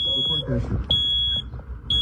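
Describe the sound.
A carbon monoxide alarm in a house, which kept going off, beeps in loud, shrill pulses about half a second long, repeating roughly every second, while people talk underneath.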